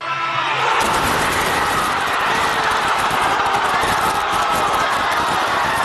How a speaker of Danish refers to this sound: Og vi kan lige høre, hvor meget jubel finalepladsen udløste i den argentinske hovedstad Buenos Aires.